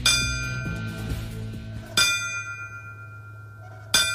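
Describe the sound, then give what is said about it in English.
Ceremonial bells ring at a 9/11 remembrance ceremony at the Riverfront Museum in Peoria, honoring fallen firefighters, in slow, measured strikes about two seconds apart, each clear metallic tone lingering and fading into the next. A cluster of overlapping chimes opens the passage, with no voices present. “The ringing of bells honored the fallen firefighters on that fateful day during the Riverfront Museum's 9/11 remembrance ceremony yesterday.”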